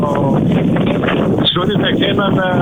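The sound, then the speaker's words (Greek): Strong wind buffets a reporter's microphone during a live field report from a wildfire area, with a constant, loud roaring rumble that almost buries the person talking through it. “Αντιλαμβανόμαστε από την ανταπόκρισή σου, προσπαθείς να μιλήσεις και ο αέρας βγαίνει πραγματικά στον αέρα και το δικό μας.”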